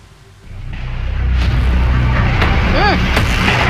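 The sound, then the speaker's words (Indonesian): Firecrackers go off in a few sharp, scattered bangs during a Monday-morning street brawl between resident groups throwing stones, wood and fireworks on Jalan I Gusti Ngurah Rai, Duren Sawit, East Jakarta, over a loud, constant roar of crowd noise and shouting, with a brief warbling whistle-like tone rising and falling between blasts. “Kedua kelompok saling serang dengan menggunakan lemparan batu, kayu, serta petasan kembang api.”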